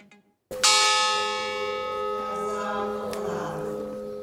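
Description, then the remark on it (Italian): The large memorial bell of the Bois du Cazier coal mine at Marcinelle, Belgium, tolls once, loud, its rich metallic overtones ringing out and fading slowly, with a fainter second stroke near the end and no voices, marking the reading of the mine victims' names one by one. “I loro nomi vengono letti uno alla volta, scanditi dal rintocco della campana del Bois du Cazier, la miniera di carbone di Marcinelle.”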